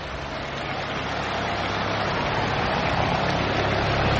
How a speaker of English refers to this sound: Chopper flying by overhead.